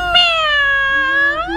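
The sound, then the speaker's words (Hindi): A single drawn-out, wavering meow voiced by a woman imitating a cat, rising slightly at the end, heard clearly with no other talking. “यहाँ वाला बिल्ली कहाँ से आई? मैं हूँ वो बिल्ली जिसको तुम ढूंढ रहे हो।”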